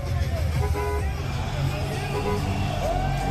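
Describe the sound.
Loud, busy street scene in Miami with car horns tooting and a bus of Brazilian football fans rumbling through the streets before Brazil's match against Scotland, while a crowd of voices shouts and cheers continuously throughout.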